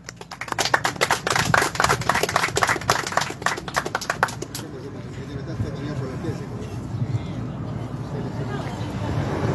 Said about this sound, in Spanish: Démosle las palmas, por favor, de bienvenida.